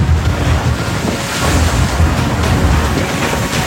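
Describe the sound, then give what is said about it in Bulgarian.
Loud, constant roar of wind and sea waves in a sea state of 4 on a dark, rainy night, with rumbling low-end gusts and splashing surf around the 22-metre border police ship Burgas as it comes alongside the 136-metre vessel Chelsea 3, no voices present. “При вълнение от 4 бала започва сложна операция, при която дори сантиметрите са от значение.”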